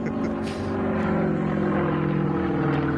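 An Extra 330 aerobatic propeller plane flown by pilot Wladimir Jakuschew drones loudly and steadily, its engine buzzing with a rich, constant tone for the whole stretch, with a brief rushing swell near the start.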